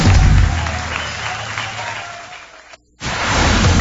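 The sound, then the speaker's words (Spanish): An audience applauds to send off don Lorenzo de Monteclaro, a dense, steady wash of clapping that gradually thins, cuts out abruptly for a moment, then comes back just as full. “Muchas gracias, un aplauso para despedir a don Lorenzo de Monteclaro.”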